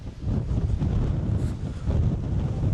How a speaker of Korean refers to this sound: 와, 바람. 지금 일단 호프소스라는 지역에 캠핑장에 도착을 했는데 어우 바람이 엄청 세네.